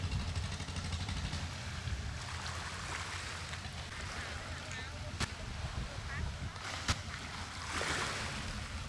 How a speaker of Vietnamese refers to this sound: Bến cá nhỏ bỗng vang lên tiếng ghe máy, tiếng người mua bán và cả tiếng cười nói rộn rã của xóm biển.